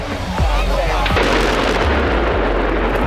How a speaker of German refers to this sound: Das war ein riesiger Schornstein im ehemaligen Kohlekraftwerk Frimmersdorf. Der Energiekonzern RWE hat ihn gesprengt. Er war mit 200 Metern fast so hoch wie der Rheinturm in Düsseldorf.